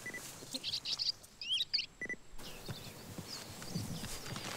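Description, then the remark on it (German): Bearded reedling contact calls: a series of short, high, metallic pings in quick clusters over a steady rustling background, growing fainter and sparser toward the end. “Dies hier ist ein Kontaktruf.”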